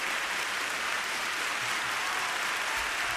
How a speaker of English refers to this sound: Come on, clap your hands.